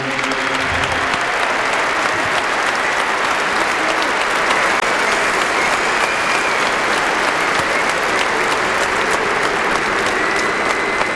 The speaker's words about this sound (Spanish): solamente os voy a pedir un aplauso fuerte para ellos porque nos hicieron grandes y nos llevaron a lo más alto.